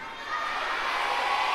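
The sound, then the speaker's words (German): A group of children shout out together their answer to how many princesses there are in total, in one loud, sustained burst of high, jumbled voices lasting just over a second. “Schreit ihr denn so?”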